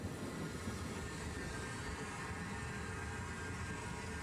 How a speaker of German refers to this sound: 1886 erteilte er daher den Auftrag zum Bau der ersten deutschen Bäderbahn, die in nur 6 Wochen fertig war. 2 Züge verkehren immer gleichzeitig auf der Strecke. Treffpunkt Heiligendamm.